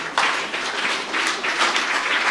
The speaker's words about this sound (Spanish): Recibamos a … con fuertes aplausos.